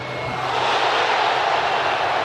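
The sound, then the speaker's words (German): A FIFA World Cup stadium crowd roars as Jonathan Tah misses a penalty kick against Paraguay, a dense, steady wash of thousands of voices that stays loud and even for the whole couple of seconds, with no single voice standing out. “So klang das, der verschossene Elfer von Jonathan Tah gegen Paraguay.”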